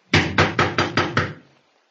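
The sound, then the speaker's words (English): Five quick, firm knocks on the wooden door of a house, from the porch, in a steady rhythm, fairly loud, fading into a brief resonant tail and then silence. “You going to knock?”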